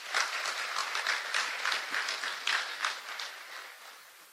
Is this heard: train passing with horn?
no